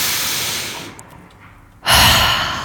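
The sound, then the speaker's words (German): A long, audible breath drawn in, a brief near-silent pause, then a loud, forceful exhale, like a deep sigh. No talking. “So Leute, jetzt nehmen wir uns mal kurz einen Moment und atmen einmal zusammen tief durch.”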